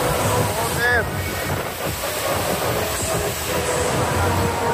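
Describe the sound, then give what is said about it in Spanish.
Torrential rain pours down in Orriols, Valencia, at the Ciutat de Valencia stadium where thousands of fans had come for a Levante match. It is a steady, dense roar of hiss and rumble that holds at the same loud level throughout, with a brief faint whistling tone early on. “Así arreciaba esa lluvia torrencial en Orriols.”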